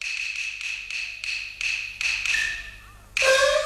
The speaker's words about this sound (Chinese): 外边何人叩门？